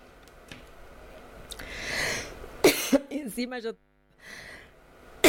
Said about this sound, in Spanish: Encima yo tengo tos, así que si quieren ponemos un poquito el video del Papa y me recompongo y seguimos.